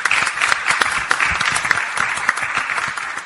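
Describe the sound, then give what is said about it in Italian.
An audience claps steadily throughout for senator Domenica Spinelli, a dense, even patter of many hands at moderate loudness, with no voices over it. “invece ci tengo a ringraziare la senatrice Domenica Spinelli per l'ospitalità, a cui farei un applauso”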